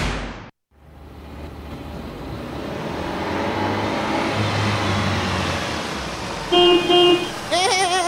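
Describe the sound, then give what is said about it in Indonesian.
A car engine revs up steadily, its roar building loudly, then a car horn honks in two bursts near the end, followed by another horn-like blare. “Gagana ini mobil ta parahmang.”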